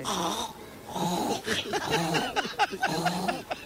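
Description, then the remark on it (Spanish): A woman imitates a pig on Basque regional television, ETV, making a series of throaty, nasal grunts and squeals in several rhythmic bursts, fairly loud and with no other talking. “Un cerdo.”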